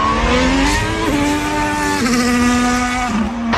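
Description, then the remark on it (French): A loud Ferrari sports car engine roars continuously, its pitch climbing and then dropping in steps as it shifts through gears. No voices are heard. “Et vous avez raison parce que ce sont trois Ferrari”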